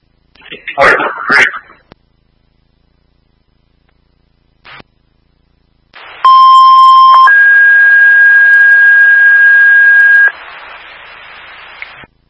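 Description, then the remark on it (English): Fire alarm test tones over a fire dispatch radio: a loud steady lower tone for about a second, then a higher steady tone held for three seconds over radio hiss, following a short crackly burst of voice. “Fire alarm testing with arson on duty.”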